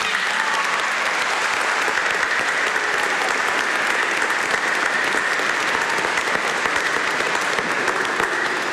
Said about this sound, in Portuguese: Mais uma salva de palmas a todos.